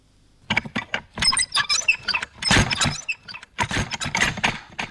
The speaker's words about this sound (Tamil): அதுக்குள்ள எங்க வீட்டு கதவுக்கு என்னாச்சு? ஏன் இப்படி ஆடுது? ஒரே சத்தமா இருக்கே. ஒருவேளை சரியா கதவு அடைக்கலையோ?